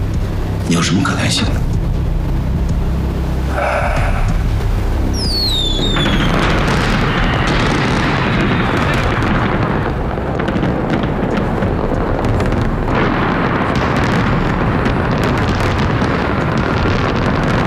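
A fireworks show at a wedding, around eight o'clock, goes off in a loud, continuous barrage, with whistling rockets shooting up into the sky and a dense rumble of bursts and crackles that never lets up, heard amid outdoor crowd noise.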